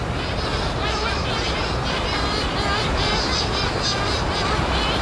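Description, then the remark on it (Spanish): A pair of shearwaters call back and forth at the mouth of their nest burrow on a sea cliff, the incubating female inside and the male arriving from the sea; harsh wailing cries overlap continuously for the whole stretch above a steady, rushing roar of the sea. “Y delante de una madriguera que se asoma al acantilado, vemos el pico de la pardela y el diálogo entre la hembra que está dentro incubando wow.”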